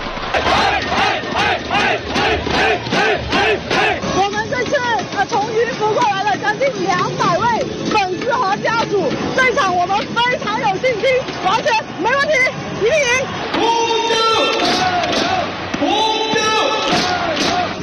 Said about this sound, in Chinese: 这场在广州队和云浮队之间的比赛，在开赛前一个多小时就已经有很多球迷入场，观众热情高涨。